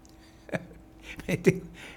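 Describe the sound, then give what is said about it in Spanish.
A person at a microphone hiccups a few times: short, abrupt hiccups, about three sharp bursts spaced unevenly over two seconds, moderately loud against a quiet background. “Tengo hipo.”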